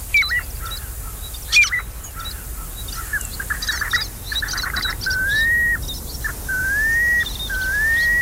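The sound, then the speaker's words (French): A piping plover, a small shorebird, calls: clear, mellow whistled notes, first short and choppy amid soft chirps, then several longer rising piping whistles repeated at a steady pace, over a light background hiss. “Est-ce que vous le reconnaissez, ce petit oiseau de rivage? Il s'agit du pluvier siffleur.”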